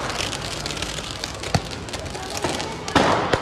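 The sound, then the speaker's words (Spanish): Fireworks being fired at everyone passing by: a steady crackling hiss punctuated by three sharp, loud bangs at irregular intervals, with no clear talking. “Los afectados corrían para refugiarse de los desalmados que disparaban fuegos artificiales a todo el que pasara.”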